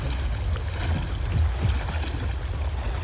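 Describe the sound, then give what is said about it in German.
Continuous churning of turbulent water in the swirling wake of a boat, with a person who went overboard in the water, a heavy low rumble and steady hiss, fairly loud and unbroken for the whole stretch. “Halt durch, wir sind jetzt im Strudel vom Kielwasser.”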